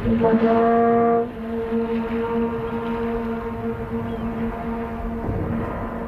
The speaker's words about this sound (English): How long was the duration of that note? Oh, you can listen to it and the echoes. It may be pushing 40 seconds that you can just hear that echo going back and forth between those rock walls.